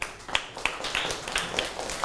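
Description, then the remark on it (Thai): A class claps for a classmate who answered correctly, scattered sharp hand claps over a steady rustling wash of applause, moderately loud, lasting a couple of seconds with no voices on top. “บอกถูกต้องนะครับปรบมือให้เพื่อน”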